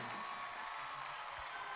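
A steady wash of audience applause, many hands clapping together in a dense, even, hissy roar that holds at a moderate level throughout, with no voices standing out.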